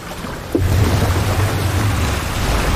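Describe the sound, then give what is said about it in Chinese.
Ocean waves crash over shallow water with sharp, jagged rocks in a sudden surge, then a loud, steady rushing roar with deep low rumble continues throughout, with no voices. “这里的海浪的确很折磨人。”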